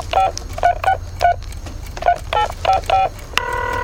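A phone number is punched in on a touch-tone keypad to call a daughter: about nine crisp beeps in an uneven rhythm, followed by a steady ringing tone as the call goes through, with no one talking.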